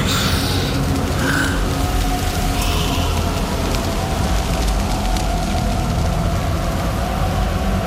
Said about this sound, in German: Der Sturm tobte mit aller Wut, als ich mich bereits auf der Chaussee wiederfand, die vom Haus wegführte. Starke Böen rissen mich immer wieder zu Boden.